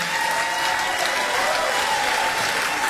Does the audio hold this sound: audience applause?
yes